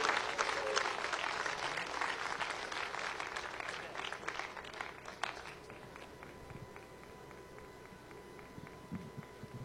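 A church audience claps steadily and loudly for several seconds, applauding Jesus during a service, then the applause thins and fades, leaving scattered claps and a faint sustained tone in the background.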